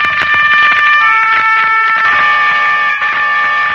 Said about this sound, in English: Not the distant horn of Roland, protector of France, but the strident horn of the motor car that was to take an American child away from the scenes of his happiest years and set him on his journey home.